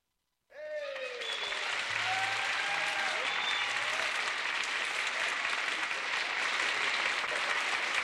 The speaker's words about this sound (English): Thank you. And we're really glad to be with all of you. And thanks for that applause.